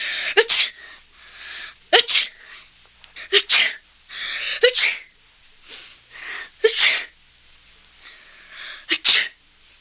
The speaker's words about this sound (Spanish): Y el niño estornudó 7 veces.